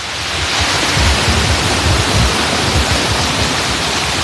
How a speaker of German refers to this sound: Wir hören ja auch schon den Wasserfall im Hintergrund näher kommen.